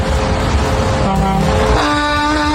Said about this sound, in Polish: Poprosiłem, że jak ktoś nas słucha rzeczywiście jadąc za kierownicą takiej wielkiej ciężarówki, to niech nam trąby podeśle.